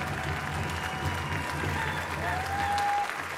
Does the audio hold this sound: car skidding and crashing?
no